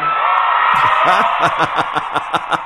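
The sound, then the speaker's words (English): In an interview, Paul mimics the shrill, excited screaming of girl fans from 64 years ago: a sustained high-pitched wail that breaks into rapid, rhythmic whooping bursts, fairly loud, with faint laughter-like pulses. “when you close your eyes, do you hear the girls screaming?”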